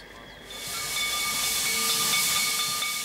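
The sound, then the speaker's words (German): A steam locomotive on a newly completed museum railway line, about to set out for Steinbach terminus, hisses steadily, a broad rushing noise that swells after the first half second and holds loud, with faint whistle-like tones running through it. No one speaks. “Also bitte einsteigen, ein Zug wartet nicht.”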